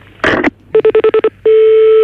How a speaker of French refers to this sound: Il est en train d'essayer de vous joindre au téléphone, donc on vous demande très rapidement de raccrocher et d'attendre son coup de fil.